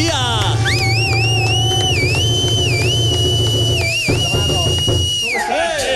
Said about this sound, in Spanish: Un aplauso, démele un aplauso.